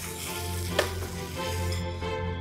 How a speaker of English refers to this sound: Just pop your little bones inside. And that's what you want to hear, that sizzle, but it's not aggressive.